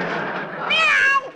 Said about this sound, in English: Oh, excuse me, Aesop. I didn't mean to step on your tail. Now, scat cat, scram, go, outside.